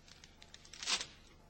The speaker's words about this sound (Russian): Если письмо окажется в мешке, оно могло порваться и там. Порвите-ка мне еще один или два пакета, быстро.